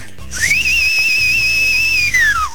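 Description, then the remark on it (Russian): A loud, sustained human whistle imitating Solovey-Razboynik (Nightingale the Robber), the legendary whistling robber, rises sharply in pitch, holds a long steady high note with slight wavering, then glides down at the end. “Ну и давай, финальный образ для тебя. Соловей-разбойник.”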